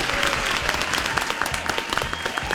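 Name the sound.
audience applause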